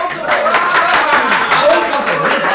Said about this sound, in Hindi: चारों तरफ तालियां पड़ने लगीं। ऐसा लगा मानो किसी दंगल के दर्शक अपने पहलवान की विजय पर मतवाले हो गए हों।